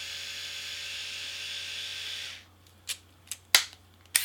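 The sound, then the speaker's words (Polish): A small electric shaver motor, started with the power button with its shaving heads raised, whirs steadily with a high, even buzz for about two seconds, then switches off, followed by a few sharp plastic clicks and taps. “Tak pracuje silnik golarki.”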